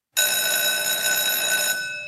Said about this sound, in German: Beim Klang der Pausenglocke stellten sich alle in ordentlichen Zweierreihen auf und marschierten fast wie Roboter aus dem Raum.